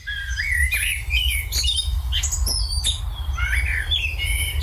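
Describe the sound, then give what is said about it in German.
A common blackbird sings a varied, fluting song of short phrases and higher twittering notes over a steady low rumble of background noise. “Amsel auf Platz 1.”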